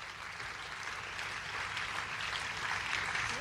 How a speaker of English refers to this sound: Thank you so much for the great work. Please clap for them.